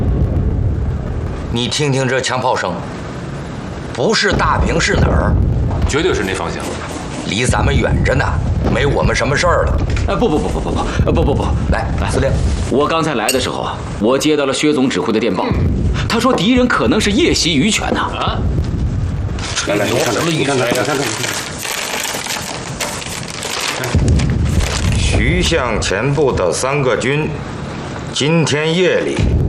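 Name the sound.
distant gunfire and artillery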